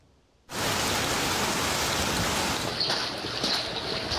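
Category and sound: nature, heavy downpour rain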